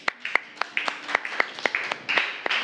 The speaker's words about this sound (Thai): ปรบมือให้เพื่อนกลุ่ม2ค่ะ